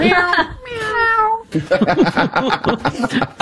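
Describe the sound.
A person mimics a cat, giving a drawn-out, whiny meow, then immediately launches into quick conversational speech.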